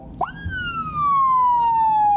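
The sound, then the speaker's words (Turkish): A police car siren whoops up sharply after a brief click, then holds a loud, steady wail that slowly glides downward, with low road rumble underneath and no talking. It is a traffic police car in Düzce, Turkey, out on a traffic inspection, the siren switched on with a handheld siren remote. “Elinde siren kumandası vardı.”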